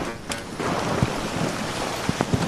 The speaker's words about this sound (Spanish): estamos en la cabina, en el camión, en la cabina de transmisión de la cadena SER, pero es que ver las imágenes es una riada de agua y de bolas de granizo las que están circulando hacia abajo, bueno, en esta línea de meta.